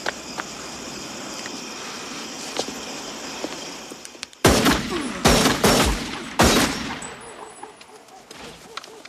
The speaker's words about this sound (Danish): det er faktisk en utrolig modbydelig måde, han bliver skudt på, hvis vi lige skal tage fat i det, fordi at han bliver bedt om at komme ud til en samtale med inspektøren, men det skal ikke nok ske ude på udendørsarealet.